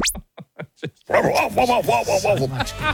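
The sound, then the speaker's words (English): A dog gives four quick, sharp barks in a row, then breaks into a longer run of loud, wavering whines and yelps. “Go the bark one more time.”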